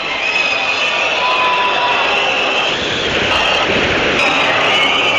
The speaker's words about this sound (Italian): I fischi della Domus.